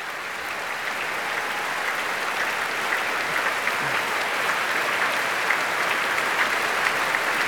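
Sustained, dense applause from a large audience at the end of an evening of Richard Strauss music, as conductor Yannick Nézet-Séguin has the orchestra's sections take their bows; a steady wash of many hands clapping at an even, fairly loud level throughout, with no voices standing out.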